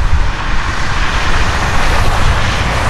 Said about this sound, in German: Tja, das ist leider nicht das Meer, sondern die Straße.